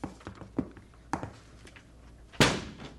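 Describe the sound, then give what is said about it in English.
The side door of a restaurant on the corner, reached down an alley, being forced open in a break-in: a few scattered dull knocks and thumps, then one loud, sharp crash as it gives way, with no voices. “Let's go down the alley and try the side door.”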